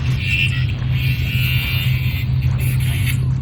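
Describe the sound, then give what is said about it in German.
An angle grinder, used by a gardener, runs steadily: a harsh high-pitched whine over a loud, constant low motor drone, wavering slightly in pitch but never stopping. “Dieses Schleifgeräusch, gehört es zum Sound? Ach nein, das ist der Gärtner mit der Flex.”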